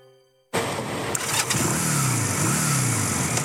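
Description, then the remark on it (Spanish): After a brief quiet moment, a motorcycle engine roars to life and revs loudly up and down, steady, with no voices. “Vos, en moto, con casco y chaleco, son una sola pieza.”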